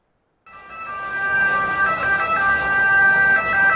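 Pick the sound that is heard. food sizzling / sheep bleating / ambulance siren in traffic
ambulance siren in traffic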